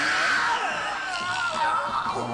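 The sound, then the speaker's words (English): Several high-pitched voices scream over one another without a break, a dense, sustained wall of shrieking that stays loud for the whole stretch. “Jeez, and now with the screaming.”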